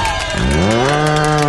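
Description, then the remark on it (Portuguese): A single loud, drawn-out moo from an ox that swells up in pitch and holds steady, with a busy crowd-like murmur in the background. “Se afasta pra lá, boi, vai nojinho.”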